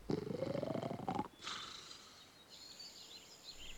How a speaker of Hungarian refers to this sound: Azzal jól lakottan befekszik a kémény alá, nagy szuszogva.